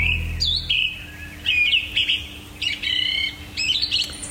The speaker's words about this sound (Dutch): horen we om 4:20 een zanglijster prachtig zingen in de berk naast ons